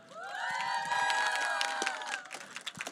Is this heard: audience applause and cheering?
yes